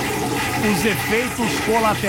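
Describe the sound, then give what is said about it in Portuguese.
A toilet flushes in a restroom with a steady, rushing swirl of water lasting about two seconds, while a voice makes wavering, sing-song vocal sounds over the noise. “Quem nunca usou o reservado, quem nunca foi ao WC, quem nunca foi ao restroom, eu fui, estava apertadíssimo.”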